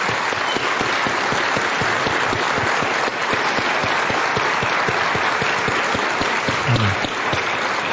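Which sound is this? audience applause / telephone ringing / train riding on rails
audience applause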